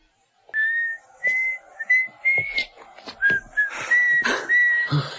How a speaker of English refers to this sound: That lady down there whistling. You believe it?